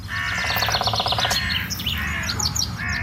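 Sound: birds singing and chirping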